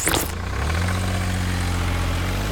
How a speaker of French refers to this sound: Ce camion benne, il récolte les déchets, les écrase pour qu'ils ne prennent pas trop de place, et ensuite, il peut les décharger. En gros, c'est une poubelle avec des roues qui mange des poubelles.